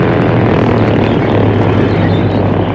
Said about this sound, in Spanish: Y a bordo de la avioneta, Rosco, sonriendo brutalmente, se asomaba por la ventanilla para ver los resultados de su ataque.